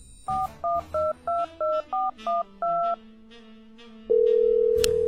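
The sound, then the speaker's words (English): Eight quick touch-tone dialing beeps in an even rhythm, clear, then a pause before a steady tone begins and holds to the end, as a phone call is placed to a friend. “I decide that I'm actually gonna call her now.”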